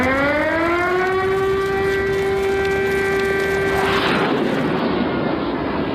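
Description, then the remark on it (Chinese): An air raid warning siren on China's southeast coast in the 1960s, as a U-2 approached Nanjing, rises in pitch and holds a loud, steady wail for about four seconds, then breaks off into a broad roaring rush of noise, with no voices. “上世纪60年代某天，东南沿海突然警报大作，一架 U-2 正向南京逼近。”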